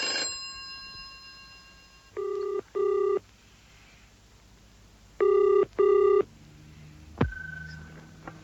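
A telephone rings twice in Mr. Beresford's office in a double-burst pattern, each ring a pair of short buzzing tones, loud, followed by a click as if the receiver is picked up. No one speaks.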